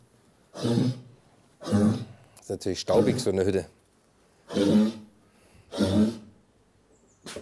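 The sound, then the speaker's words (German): A female brown bear has a short coughing fit: harsh, breathy bursts, four loud coughs spaced a second or so apart, with a person briefly speaking in the middle. “Ja, die hat jetzt so einen kleinen Hustenanfall.”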